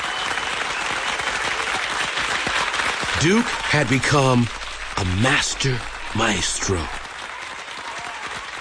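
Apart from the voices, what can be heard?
concert hall audience applause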